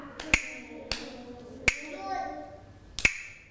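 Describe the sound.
Four sharp, bright clacks from hand clappers struck at a slow, uneven pace, each one crisp and short, with faint voices murmuring underneath.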